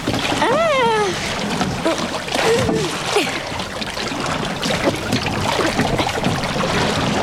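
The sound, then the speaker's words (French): Steady sloshing and splashing of water as a paddle pushes a small boat along, with a few brief high gliding tones near the start and voices faintly in the background. “De l'autre côté maintenant pour donner de la vitesse au bateau.”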